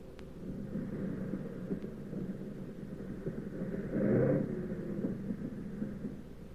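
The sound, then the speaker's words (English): A heavy bomber's aircraft engines drone in a steady, rough low rumble as it comes in to land with one engine sputtering and its fuselage full of holes, swelling briefly louder toward the end before settling back, with no voices present. “But we came in okay, with one engine sputtering and the fuselage full of holes.”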